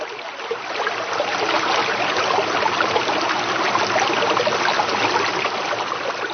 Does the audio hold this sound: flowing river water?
yes